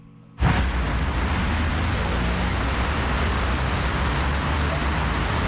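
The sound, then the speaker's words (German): A steady, dense roar of flowing traffic on the Bürgerstraße, a main road in Göttingen, Germany, cuts in abruptly and holds constant, with deep engine rumble underneath a broad wash of tire and road noise, loud. “Fließender Verkehr auf einer Hauptverkehrsader wie hier der Bürgerstraße, den soll die Stadt Göttingen zukünftig wieder zuverlässiger sicherstellen.”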